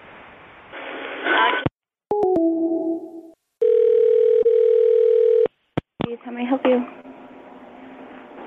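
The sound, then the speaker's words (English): A steady telephone line tone while calling Wendy's holds for a couple of seconds, preceded by short dial-pad beeps and clicks, with band-limited phone-quality voices talking before and after. “calling Wendy's.”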